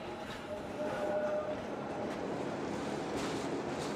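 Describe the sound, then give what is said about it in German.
A rack railway train rumbles steadily across the Findelbach Viaduct just above Zermatt, 90 metres above the Findelbach stream, climbing gradients of up to 20%; a broad continuous roar of wheels and machinery with faint tonal whines and occasional clanks, holding an even level throughout with no voices. “Kurz oberhalb von Zermatt überquert unser Zug das Findelbach-Viadukt.”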